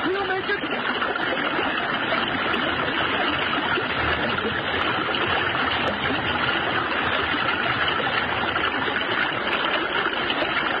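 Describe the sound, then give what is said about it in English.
A river current rushes loudly and steadily as a person swims through it, kicking the water, with constant splashing and churning water filling the whole span without a break. “Don't kick the water so hard. Keep your feet together.”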